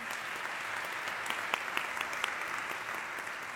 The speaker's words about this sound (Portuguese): Vamos dar um aplauso ao Senhor também.